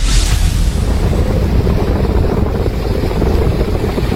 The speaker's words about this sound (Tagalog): Sa barangay Bambanay, San Juan, La Union, makikita ang malakas na pagragasa ng tubig sa San Gabriel Road. Tuloy-tuloy pa rin kasi ang buhos ng ulan dala ng Bagyong Maymay.